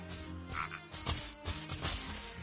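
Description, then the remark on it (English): Frogs croak in a dense outdoor chorus, rough repeated calls overlapping continuously at moderate loudness with a steady background hum, no one speaking. “And I hear come frogs.”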